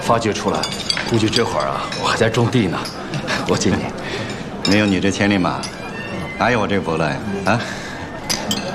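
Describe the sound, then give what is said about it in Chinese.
Several glasses clink together in a toast among the Dongning team's new and old members, bright short chimes scattered through a lively crowd of voices talking and cheering over one another. “来来来， 干杯啊！来来来， 干杯！”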